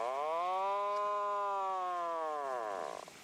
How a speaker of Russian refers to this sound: Ну, давайте тупика послушаем атлантического.